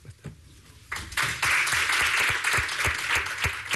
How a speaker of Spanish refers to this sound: Con aplausos termina la comparecencia de Ariche Lustondo, uno de los capitanes de la Real Sociedad,